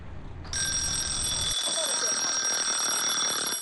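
A timer starts ringing abruptly, a loud, continuous high-pitched electronic alarm tone that holds steady until the end, preceded by a moment of low background murmur. It signals to children who are drawing that 20 minutes of close-up eye use are over.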